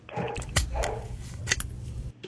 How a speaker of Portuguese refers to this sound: Esse cachorro que tá latindo é seu? É o meu cachorro, prendido lá no fundo. Prendeu lá. Qual é o nome dele? É o Marley.